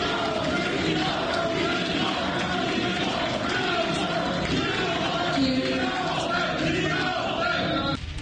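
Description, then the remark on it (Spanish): A dense crowd roars and shouts steadily for the whole stretch, shouts of support and protest such as "Gino" and "fraude" after senator on leave Eugenio Segura was named candidate or coordinator, many voices overlapping into a loud, continuous wall of yelling with no pauses or single voice standing out. “Ahí se escuchaban gritos de apoyo y gritos de cuestionamiento.”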